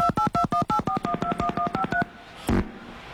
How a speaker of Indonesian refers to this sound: Bang, seperti sudah ada telepon yang masuk di sana, justa boleh kita ada. Angkat ya.